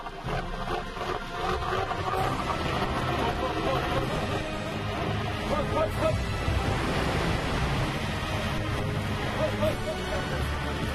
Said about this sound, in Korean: 이럴 때면 늘 따로 떼어 챙기는 도움을 이호가 제 몫을 하는데요. 거친 파도를 넘어 먼 바다까지 나가게 돕는 모터입니다.